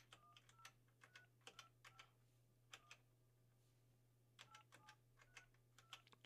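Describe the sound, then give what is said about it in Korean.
Quick bursts of phone keypad presses, short clicky beeps in two rapid clusters separated by a brief pause, fairly quiet over a low steady hum, with no one speaking, as a phone call is dialed during a live nationwide broadcast. “자, 전화 한번 해볼게요.”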